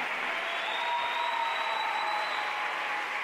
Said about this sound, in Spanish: Un aplauso para el Rey de Reyes, venga.